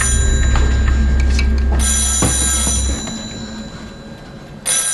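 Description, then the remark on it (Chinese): A telephone bell rings in a bright, rattling burst that stops and then starts again near the end, over a steady low rumble that fades partway through. “电话拿过来。”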